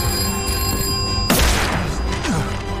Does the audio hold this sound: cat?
no